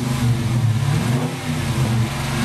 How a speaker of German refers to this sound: Jawohl, 5,7 Liter V8 Motor, 375 PS, Baujahr 2018, ein schwarzer Dodge Challenger Coupé, was ein Brecher. Und dieses Teil wird jetzt auf dem Herbstfest in Dorsten versteigert.